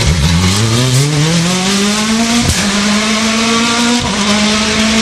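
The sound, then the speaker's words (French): A loud car engine revs up steadily, its pitch climbing through two gear shifts with brief dips, a continuous roar with no talking over it. “Voiture, où es-tu? Où est-ce qu'elle est passée ma voiture? Ma voiture est là.”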